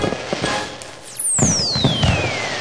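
A firework rocket whistles with a long descending tone, while several sharp pops and crackling bursts go off beneath it; fairly loud, with no voices.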